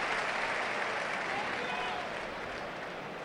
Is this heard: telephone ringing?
no